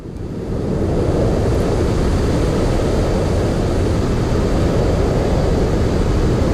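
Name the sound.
white noise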